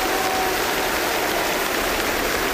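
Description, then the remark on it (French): Dense, steady applause from a live concert crowd at the Stade de France, a continuous wash of many hands clapping at an even level for the whole stretch, with no voices standing out. “Ah, ça donne le ton, ces applaudissements.”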